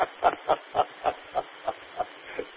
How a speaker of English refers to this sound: We can hear birds chirping in the background while you're talking.